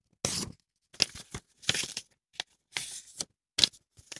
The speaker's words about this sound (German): Wie so ein Blatt Papier, was ich hier vor mir liegen habe, was ich jetzt einfach mal dreimal falte.